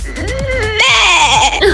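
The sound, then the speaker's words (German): A human voice in a voice message sent in from NRW (North Rhine-Westphalia) imitates a sheep's bleat: a nasal, quavering 'baa' that wobbles in pitch, then jumps higher and brighter for a second, strained stretch before trailing off. No other voices. “Oder so ein Schaf.”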